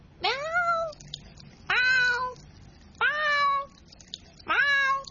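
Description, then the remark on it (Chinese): A pet cat named Mimi, which keeps hanging around a fish tank while its owner tries to wash the tank, meows four times in a row. Each call is a loud, rising-then-falling harmonic cry of about half a second to a second, separated by short pauses. No one speaks. “猫猫猫， 哎呀，你唔好阻住我啦，我想洗下个鱼缸呀。”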